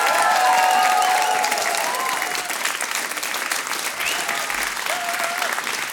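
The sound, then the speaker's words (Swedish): Sustained loud applause from a studio audience welcoming back a guest singer, dense clapping with a few cheers and whistles rising over it, steady throughout before easing slightly toward the end. “Applåder för”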